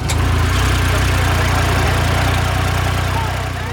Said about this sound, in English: I'm in the passenger seat of a UTV. Now, if you aren't familiar, imagine if an off-road pickup truck and a golf cart had a baby. That is a UTV.